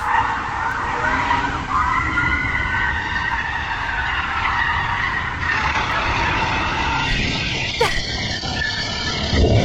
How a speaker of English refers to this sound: That's in a suburban street. That's the police car chasing the felon. And then the poor DoorDash driver, she gets hit.